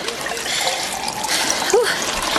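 Water trickles steadily into a glass in a coffee shop, a soft continuous pour with faint bubbling, briefly rising in pitch near the end as it fills.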